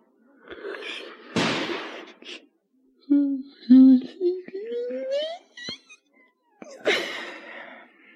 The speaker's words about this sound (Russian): Ой, что, это стреляют?